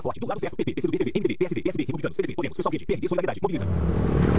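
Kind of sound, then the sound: vehicle, motorcycle passing by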